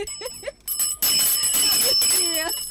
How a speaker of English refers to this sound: Where's our bell? That bell. You need to ring a bell for me.